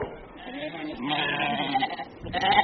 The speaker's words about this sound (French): Et voilà, des brebis font des agneaux qui têtent et il faut qu'elles mangent, je crois. C'est la ruée quand on leur apporte une balle de foin.